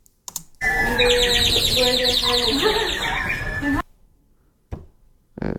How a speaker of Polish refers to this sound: Brzmi jak ten gwizdek taki ptaszek. Tak, jest taki, no, woda się nalewa, no nie tak. Jest. Tak, blisko. No, bo to taka jest zasada działania tego, co ja pokazuję, właśnie przez wodę.